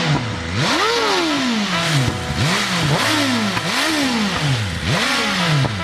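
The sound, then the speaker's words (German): A motorcycle engine revs repeatedly, its pitch sweeping up sharply and then sliding down in four or five loud, rhythmic throttle blips, with a rough, buzzing mechanical rasp throughout. “Aber das vibriert doch ganz schön, oder? Ja, muss vibrieren.”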